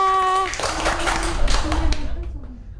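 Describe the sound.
A burst of applause from a group clapping their hands, dense and steady for about two seconds, with tonal voices or music briefly underneath before it fades out.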